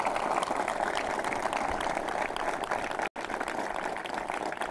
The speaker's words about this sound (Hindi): मैं जय जवान कार्यक्रम में एक बार फिर आप सभी का स्वागत करती हूं, और आपके तालियों की आवाज में एक ताली आप मेरी भी जरूर स्वीकार करें।